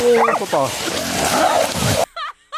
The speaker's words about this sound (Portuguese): Olha lá. Olha o cachorro. Olha o cachorro, olha. Olha o cachorro, foi pro olho.